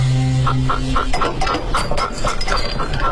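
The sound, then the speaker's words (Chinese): A toy frog, one of a linked pair, croaks loudly when the other frog is squeezed, in a quick run of repeated squawky bursts, roughly eight or nine close together, with a low hum underneath at the start and no talking. “呢一只啊系龙凤胎嘅青蛙，我驮一只，我大佬驮一只啊，只要我一捻佢就，我大佬一只就会嘎嘎声咁嘈嘅，我大佬即刻嚟救我啊！”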